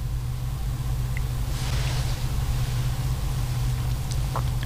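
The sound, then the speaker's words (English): The engine of a Royal Motor Car rumbles low and steady as it departs from Ampon Sathan Residential Hall, Dusit Palace, for Dusit Maha Prasad Ruin Hall, with a brief swell of passing road noise near the middle and faint sharp chirps in the background. “And Jiao Kun Pra Sininat Pilat Kalyani, the Royal Noble Consort of His Majesty the King, departed by Royal Motor Car from Ampon Sathan Residential Hall, Dusit Palace, to Dusit Maha Prasad Ruin Hall.”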